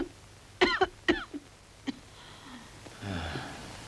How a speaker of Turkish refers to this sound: Peki, şimdi sıkıca öksürün.